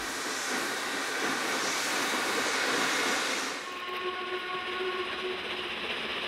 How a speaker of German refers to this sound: Der neue Tag beginnt mit neuen Dampflokomotiven. Von Brezno aus geht es knapp 200 Kilometer Richtung Osten nach Košice.